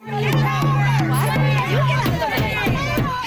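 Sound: loud crowd of protesters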